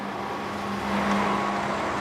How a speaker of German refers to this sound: Der Bus fährt leer ab. So viel zum Schienenersatzverkehr.